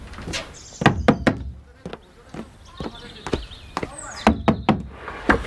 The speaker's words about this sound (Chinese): 幽灵进门，水到渠成啊！ 看看谁敲门。